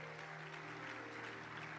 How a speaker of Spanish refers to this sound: Dale un aplauso a Dios.